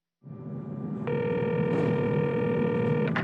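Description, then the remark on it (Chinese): A landline telephone rings with one sustained electronic tone lasting about two seconds, clear, over a steady low background hum. No voices are present. It is an incoming call placed by satellite phone from aboard a naval vessel. “24号那天下午，他给你打电话的时候，我就排在他后面。”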